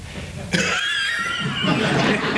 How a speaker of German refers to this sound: … hustet sich durch den Job.